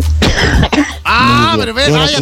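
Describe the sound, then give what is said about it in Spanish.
A couple of short, harsh coughs, rough and throaty, followed right away by a person's voice speaking. “vaya a toser por su lado.”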